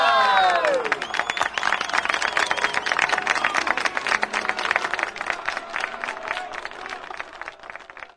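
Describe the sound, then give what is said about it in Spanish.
A crowd bursts into dense, sustained applause with many hands clapping at once, opening with a few bright whistles or cheers, then holding steady before gradually thinning out toward the end. “aplauso bonito. ¡Una bulla!”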